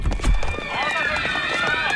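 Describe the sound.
Many residents hurry down the stairs of an apartment building, footsteps thudding and clattering rapidly in a dense, irregular patter, with raised voices of several people calling out over the running.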